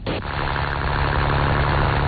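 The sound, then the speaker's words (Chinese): A boat motor starts and runs steadily and loudly at 7 a.m. in the Yazhou Central Fishing Port, Sanya, China, as the boat heads to a deep-water net-cage fish farm 7 nautical miles out; a constant droning hum with a rough, noisy wash over it and no voices. “三亚崖州中心渔港内，马达声响起。”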